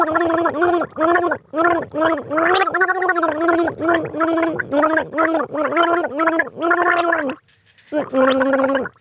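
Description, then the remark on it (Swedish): Someone gargles a song melody for listeners to guess, the bubbling voice rising and falling in short sung phrases with brief pauses, fairly loud throughout. “Det kan du gurgla, ….”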